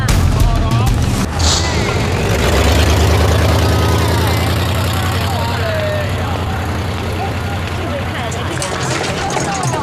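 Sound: car engine running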